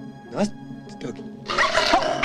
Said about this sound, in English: one of the terriers snaps at his finger.